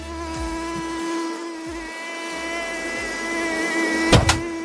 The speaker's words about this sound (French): Le bruit du moustique vient... que vous entendez là, que vous avez entendu, vient du battement d'ailes.